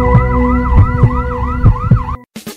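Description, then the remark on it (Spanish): A loud ambulance siren wails in quick repeating up-and-down sweeps over a rumbling engine and steady tones, then cuts off abruptly before a brief burst of noise. “Ambulancias SP, un gran equipo a tu servicio, a una llamada de distancia.”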